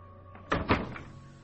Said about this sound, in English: Let me get the door.